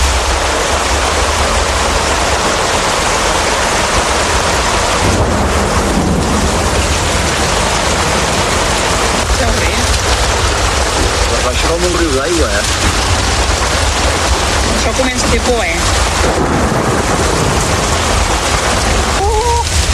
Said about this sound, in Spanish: Esa tarde íbamos a una cena para despedirnos ya de mi tío y mi primo, concretamente, y nos cogió la tormenta en medio de todo y como consecuencia la riada.